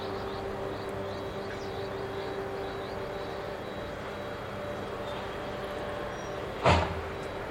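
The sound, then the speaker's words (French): A heavy truck's engine rumbles steadily, then a sharp burst of air-brake hiss near the end as it comes to a stop near a memorial monument by the concrete sarcophagus over reactor number 4. “Le camion s'arrête près du monument érigé en 2006 pour les 20 ans de la catastrophe.”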